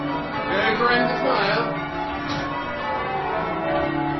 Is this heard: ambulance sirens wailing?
no